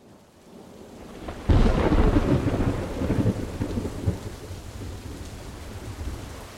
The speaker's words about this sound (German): Das Wasser kam mit einer ungeheuren Geschwindigkeit. Der Gewitterguss war mit 50 Liter auf dem Quadratmeter über dem Dorf niedergegangen.